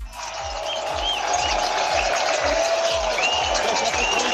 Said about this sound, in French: Alors les coureurs, les meilleurs sont passés depuis déjà près d'une demi-heure, mais le public est encore là dans cette montée du Hague, dans ce dernier kilomètre particulièrement difficile.